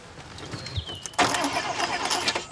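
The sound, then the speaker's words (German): After a brief quiet moment, a car engine cranks loudly with a rough, pulsing churn that keeps turning over without starting or settling into a steady idle. “Setz dich mal rein und starte. Ich? Ja, du. So? Springt der nicht an?”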